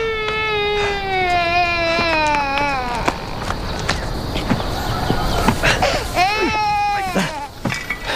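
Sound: child crying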